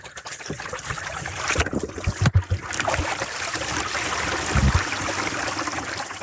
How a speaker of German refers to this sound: Okay, jetzt wird der Biberdamm hier ein bisschen beseitigt. Nur ein bisschen geöffnet, damit das Wasser am Fließen bleibt.